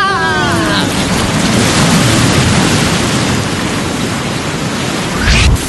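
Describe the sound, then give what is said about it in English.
A big ocean wave crashes in a loud, continuous roar of churning water that fills the whole stretch, opening with a brief descending whoosh and surging again near the end. “Do you see that big, big wave coming to go get us?”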